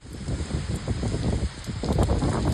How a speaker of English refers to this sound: The torrential rain that pounded cities east of Tokyo flooded roads and dozens of homes and caused power outages.